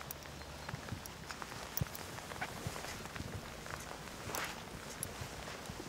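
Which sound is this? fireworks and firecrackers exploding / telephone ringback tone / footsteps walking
footsteps walking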